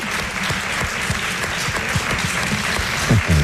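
A steady burst of audience applause, dense overlapping claps sustained at an even loudness for several seconds, with a faint voice emerging underneath near the end.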